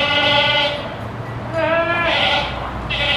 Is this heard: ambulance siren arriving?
no